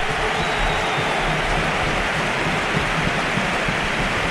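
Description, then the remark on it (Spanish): A large football stadium crowd gives a loud, sustained ovation as Dani Ceballos comes on as a substitute, a dense wash of applause and cheering with a few scattered whistles that holds steady for the whole few seconds, with no voices standing out. “Ovación generalizada. Algún pito anecdótico por ahí, pero ovación generalizada.”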